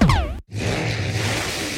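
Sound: car engine revving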